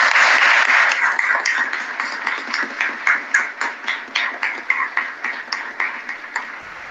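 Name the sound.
applause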